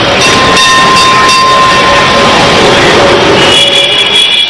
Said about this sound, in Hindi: जिस पर बेलगछिया लिखा था, मुझे ख्याल आया कि बेलगछिया अभी तक नहीं गया, मैं उस ट्राम में बैठ गया।